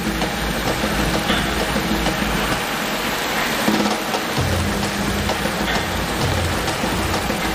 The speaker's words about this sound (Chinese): 这间淋雨试验室能够模拟每分钟3毫米至10毫米的降水量，足以验证枪械在淋雨、溅水、喷水等水环境中的使用情况。